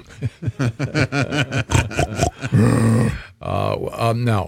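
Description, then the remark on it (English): An animal lets out a rapid run of short, rhythmic grunts, then two long, loud, throaty roars with a pig-like squealing edge. “that roar sounds an awful lot like a”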